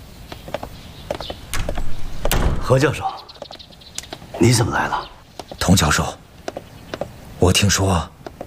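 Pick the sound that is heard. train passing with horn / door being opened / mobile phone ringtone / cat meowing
door being opened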